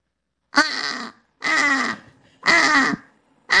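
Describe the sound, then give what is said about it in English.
A human voice imitates a British crow's caw: three loud, harsh, raspy calls of about half a second each, evenly spaced with short pauses, no talking in between. “Typical, the British one definitely sounds more miserable, doesn't it?”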